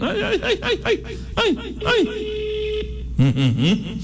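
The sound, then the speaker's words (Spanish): A steady electronic telephone ringing tone of a dialed call hums for a few seconds beneath bursts of chuckling, bouncy vocal sounds, then cuts off as a voice begins speaking. “Está sonando.”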